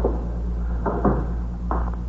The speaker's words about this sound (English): Shut the door, will you, Fox? Yes.